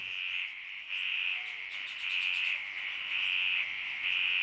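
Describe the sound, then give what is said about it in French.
A dense chorus of frogs calls steadily around a pond at Coily Alpha the morning after rain, at about 8 a.m., their high-pitched trills and pulses overlapping into a continuous shimmering drone with no one speaking. “Donc là, nous entendons des sons de grenouilles autour d'une mare à Coily Alpha le lendemain d'une pluie.”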